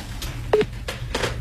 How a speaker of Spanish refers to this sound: que tenías que dejar que suene el teléfono. ¿Me cortaste?